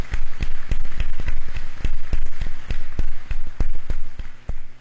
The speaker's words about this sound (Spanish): A cada uno de ellos también vamos a brindarle un fuerte aplauso.